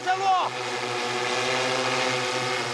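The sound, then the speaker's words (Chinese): A steady, droning buzz of small drone propellers holds a constant pitch throughout, with a brief rising tonal sweep at the very start, as the drone is used to fix a safety rope onto a power line conductor. “用无人机将安全绳固定在导线上。”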